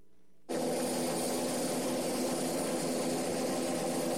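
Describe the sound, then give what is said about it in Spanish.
After a brief quiet moment, a loud, steady roar of helicopter rotors and engine cuts in abruptly and holds constant and dense, with no voices. Cóndor helicopters of the Mexico City Secretaría de Seguridad Ciudadana land at the Monumento a la Revolución while a third flies over, during an earthquake drill. “El rugido de las aspas anuncia que la ayuda ha llegado.”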